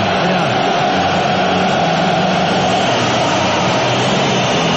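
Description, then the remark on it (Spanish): A loud, unbroken roar from a stadium crowd, with English fans singing and whistling together as a song is played for the English side, in a dense wash of sound that holds steady throughout. “Es el turno de ellos ahora. Por eso los silbidos.”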